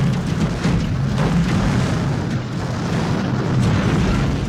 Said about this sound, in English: Uh-oh, was that the air conditioner? Or is the house trying to launch into space?